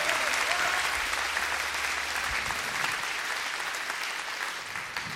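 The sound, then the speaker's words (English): Sustained applause from an audience, a dense wash of many hands clapping at steady loudness that tapers slightly toward the end, with no clear speech over it. “Let's clap.”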